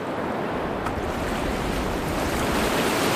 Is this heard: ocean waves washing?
yes